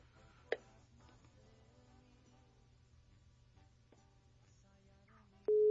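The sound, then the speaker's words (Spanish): A quiet phone line with a low hum and a single sharp click, then near the end a loud, steady call tone starts abruptly as the number is redialed after the first call went unanswered. “Pues no me contesta. A ver, vamos de nuevo.”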